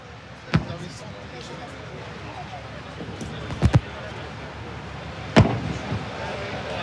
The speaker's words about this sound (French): Voilà, vous les entendez, ce sont des coups de canon qui sont tirés juste derrière nous sur cette frégate qui s'appelle l'Aconit. L'Aconit, c'est la frégate qui accompagne le porte-hélicoptère amphibie sur lequel on se trouve, le Dixmude.